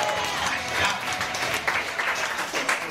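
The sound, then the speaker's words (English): A stand-up comedy audience applauds a comedian's news of getting engaged, a steady, crackly wash of many hands clapping, holding at an even moderate level for the whole stretch with no voices breaking through. “Thanks for the half-ass applause.”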